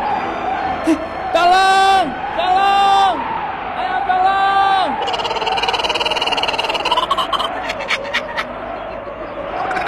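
A man screams loudly for help in several drawn-out, desperate cries at night on open grassy ground as a giant snake swallows him alive, then the shouting gives way to harsh rustling and thrashing noises.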